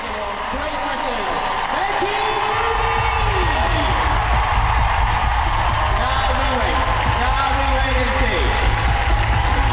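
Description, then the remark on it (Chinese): A large crowd at an equestrian event cheers and applauds loudly and continuously for the whole stretch, a dense roar of voices, clapping and whoops with rising and falling shouts layered on top, acclaiming a rider and the horse Jagger Bomb after their performance. “这样出色的表现呢，博得了全场观众的欢呼，的确是一场完美的演出。”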